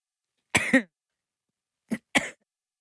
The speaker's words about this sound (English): Not a great time to have a coughing fit.